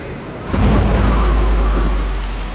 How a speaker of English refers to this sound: Well, looks like we're camping in the rain.